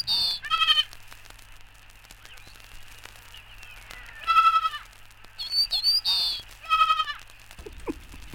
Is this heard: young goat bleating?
yes